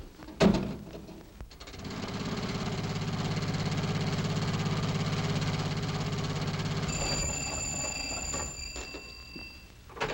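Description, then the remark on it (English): A car engine rumbles steadily at a low pitch for several seconds, then fades away as it drives off, followed by a high, bright ringing that begins near the end. “No, I'll take the jitney into town and get my car.”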